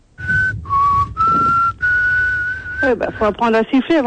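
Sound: person attempting to whistle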